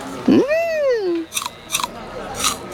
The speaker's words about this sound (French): Tiens, tout doux, une pomme verte. Tu veux croquer dedans? Ça te plaît?